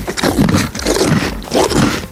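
horse chewing bread

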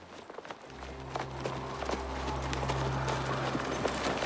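horses' hooves clip-clopping

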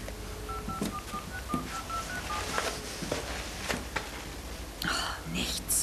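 telephone redial

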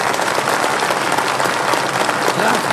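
audience applause and cheering

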